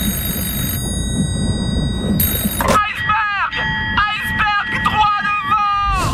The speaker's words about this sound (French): Quand les gars dans le nid de pie voient l'iceberg, il est complètement trop tard. Mais ça les empêche pas de lancer l'alerte en sonnant la cloche et en criant dans un téléphone steampunk.